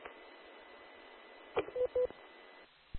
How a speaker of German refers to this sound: Ich habe nur probiert, hier über so einen DTMF-Generator vom Handy das zu machen, aber das scheint nicht zu funktionieren.